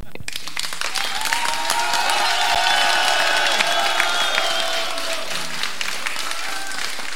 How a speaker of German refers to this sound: Hört ihr das Publikum, wie das klatscht? Klatscht nochmal.